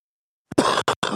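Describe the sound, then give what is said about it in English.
A person coughs several times in quick succession, harsh and close, with a short burst followed by a longer hacking cough and two more rough coughs. “If you have a cough of any duration, feeling tired or losing weight, get screened and tested today.”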